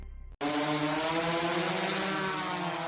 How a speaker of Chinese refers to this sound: 爷爷，您抬头看。 无人机在栽树呢。